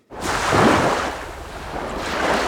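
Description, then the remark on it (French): Steady ocean surf washing in a broad, continuous roar, swelling and easing slightly over a couple of seconds, with a rush of wind-like hiss and no voices. “Quelques vagues qui font du bien sur France Musique”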